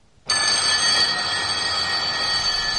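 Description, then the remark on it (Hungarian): Two loud electric alarm bells in a dormitory burst into ringing at dawn as a wake-up call after a brief silence and keep clanging continuously, harsh and metallic, with no voices. “Hajnalban, amikor a hálóteremben megszólalt a két csengő, örjöngő ébresztője”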